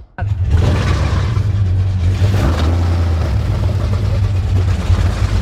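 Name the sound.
motorboat engine running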